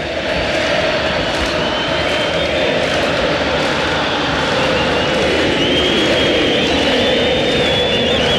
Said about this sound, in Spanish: Ahí en la tribuna, cantos, sí, claro, claros en contra de una dirigencia